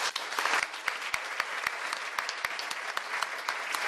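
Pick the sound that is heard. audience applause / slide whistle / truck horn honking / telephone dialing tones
audience applause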